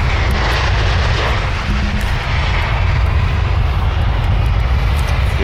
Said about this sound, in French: Là, on s'arrête parce qu'il y a un avion qui atterrit. Un charter.